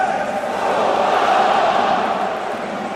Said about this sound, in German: Ja, durchaus anerkennendes Nicken und viel Applaus für Nürnbergs Top-Torschützen der letzten und vielleicht auch dieser oder diesen Saison.